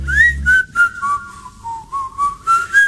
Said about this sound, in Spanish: Y ahí silbé para adentro, como vos.